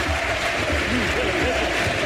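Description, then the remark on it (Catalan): A large stadium crowd at a Centre d'Esports Sabadell match roars continuously, chanting the name of the player Miguelete as he is substituted, massed voices rising and falling together, loud and dense throughout, with scattered clapping underneath. “Crits de Miguelete, Miguelete, a la grada.”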